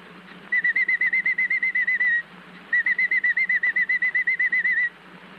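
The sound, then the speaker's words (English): A canary chirps in two quick, rapid-fire trills, each a couple of seconds long with a short pause between, bright, over a faint low background hum; it chirps this way through the day. “chirps through the day this way.”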